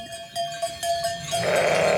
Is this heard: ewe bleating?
yes